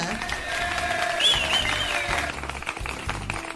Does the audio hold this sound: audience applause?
yes